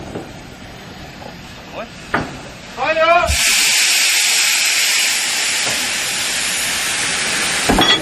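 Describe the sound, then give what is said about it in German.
A steam locomotive being readied for shunting, with two carriages being coupled on, lets out a loud, steady rush of hissing steam that runs for several seconds, preceded by a few metallic clanks and a brief rising squeal. “Und hier ist die Dampflokomotive im FEW.”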